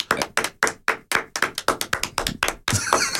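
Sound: applause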